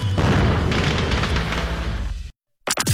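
A loud fireworks boom rumbles and crackles for about two seconds, cuts to brief silence, then a short whistling sweep starts up.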